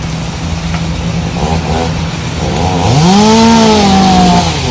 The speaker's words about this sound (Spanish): se puede ver cómo una ciudadana camina por el campo de golf mientras enfoca varios árboles caídos y de fondo se escuchan las sierras eléctricas cortando los troncos. Se están talando todos los árboles del club de golf.